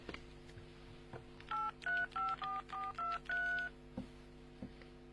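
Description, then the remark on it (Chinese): Seven short electronic keypad tones beep out one after another in a quick, slightly uneven rhythm as a number is dialed on a mobile phone to call 803, clear over a low steady hum. “把手机给我，我问问803去。”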